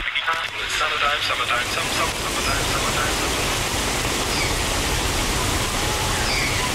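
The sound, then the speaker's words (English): Spring rain drums steadily on a car with the windows up during a road trip, heard from inside: a dense continuous hiss over low rumble, with faint muffled voices during the first couple of seconds. “We are road tripping today through the spring rain,”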